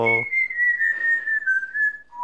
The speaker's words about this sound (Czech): Tak vážení, i můj papoušek se s váma dneska loučí slavnostní fanfárou. Jakou ještě si nás, Žaninko, neobdarovala.